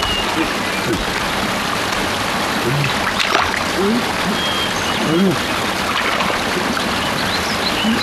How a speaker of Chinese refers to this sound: 我怎么听见前面有水声啊？